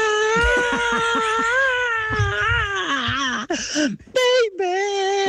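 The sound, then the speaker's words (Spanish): A voice imitates the memorable scream a rock singer makes at the start of a song, crying 'Cry!' in one sustained high wail that wavers and bends in pitch, breaking briefly near the end before trailing off in a final strained note. “Al principio hace un grito memorable, más o menos así.”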